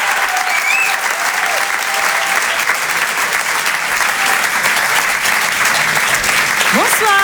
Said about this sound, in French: Je vous demande de les encourager, de les applaudir très fort.